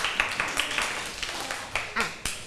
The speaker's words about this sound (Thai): ปรบมือให้เพื่อนด้วยค่ะ